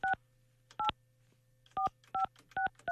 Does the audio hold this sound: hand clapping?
no